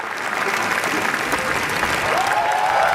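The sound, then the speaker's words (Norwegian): Sustained applause from a large audience in Cannes, lasting ten minutes after the screening of Renate Reinsve's newest film, Fjord, dense and steady, with a few whistles and cheers rising near the end. “I hele 10 minutter så klappet publikum I Cannes etter visningen av Renate Reinsve sin nyeste film, Fjord I går kveld.”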